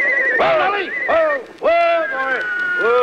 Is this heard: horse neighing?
yes